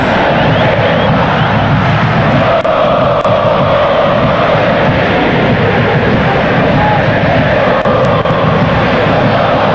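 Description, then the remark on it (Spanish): A packed crowd at the Volcán stadium roars during a Tigres football match in a loud, continuous, dense wall of sound that holds steady for the whole stretch, with no single voice standing out. “Y escuchen cómo suena el volcán.”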